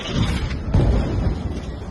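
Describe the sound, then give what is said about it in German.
A deep, rumbling boom of a night-time explosion in the centre of Gaza City, recorded on video, rolls in around the middle, low and heavy, followed by a sustained roar of background noise that stays loud throughout the short stretch. “Der Schriftsteller schickt zwei Videos, aufgenommen in der Nacht, welche Explosionen im Zentrum von Gaza-Stadt zeigen.”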